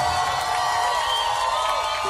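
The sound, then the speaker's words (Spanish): A crowd applauds and cheers steadily for about two seconds, a dense, continuous wash of clapping and voices at a fairly loud, even level with no speech on top. “fuerte aplauso”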